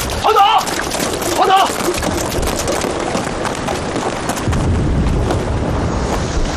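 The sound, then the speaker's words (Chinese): A dense, continuous barrage of artillery and gunfire, coming from the north, rumbles throughout, with overlapping booms and a couple of brief whistling tones early on, swelling louder toward the end. “炮声是从北边打过来的，难道敌人绕到我们后边去了？”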